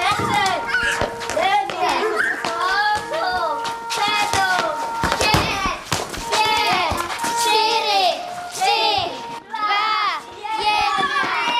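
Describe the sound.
A crowd of children at a hunting camp in Krhová, Vsetín region, Czech Republic, run together from all around the hunting lodge for assembly. They chatter and call out all at once, their high voices overlapping continuously, with occasional claps or taps mixed into the lively hubbub.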